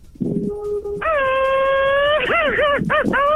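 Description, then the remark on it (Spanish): A man lets out a loud mariachi-style grito: a brief low vocal onset, then a long sustained high-pitched yell that breaks into a rapid warbling, yodel-like trill at the end. “Un así gritito mariacheño, pero chido, no de ojojoy, ojojoy, jujuy.”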